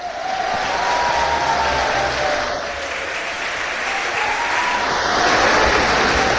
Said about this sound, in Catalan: Moltíssimes gràcies, Tordera. Sisplau, fortíssim aplaudiment per les veus de la Salvatana, la nostra soprano,